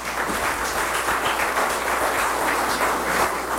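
Steady applause from a crowd fills the whole stretch, a dense, even wash of many hands clapping at a constant loudness with no talking over it.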